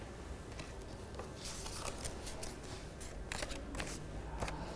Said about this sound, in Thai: คุณครูบีตัดเป็นเส้นตรงมาก่อนนะคะ